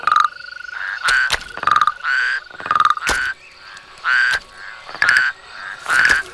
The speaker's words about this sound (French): Les crapauds sortent de leur cachette pour aller se rafraîchir dans l'eau. Écoute, tu les entends?